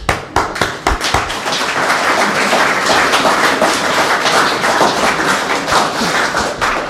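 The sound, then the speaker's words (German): Audience applause at a youth day (Jugendtag) event, thanking its organizers, fills the whole stretch, a dense, steady patter of many hands clapping, with a few sharper individual claps standing out near the start. No one speaks over it. “Danke, Beifall.”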